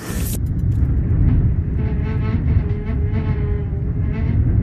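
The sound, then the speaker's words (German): Strong wind roars and howls without pause around a hut at night, a loud, deep rumble carrying faint, wavering whistling tones that rise and fall, with no voices present. “Das, was ihr gerade hört, das ist, glaube ich, der Wind.”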